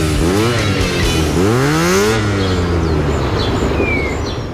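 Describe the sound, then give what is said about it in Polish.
A motorcycle engine, heard in a radio advert for the Honda D&D motorcycle dealership and service in Wrocław, revs up hard twice, its pitch climbing in loud sweeping bursts before settling into a rumbling idle, with faint bird chirps in the background. “Honda D&D, autoryzowany salon i serwis motocykli.”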